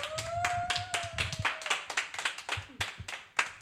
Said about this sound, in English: Okay, wow, could we get another applause, please?